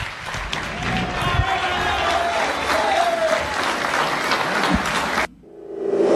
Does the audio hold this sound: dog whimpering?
no